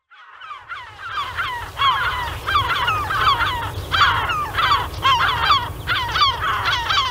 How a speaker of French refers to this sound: Des goélands pour vous transporter à Tadoussac.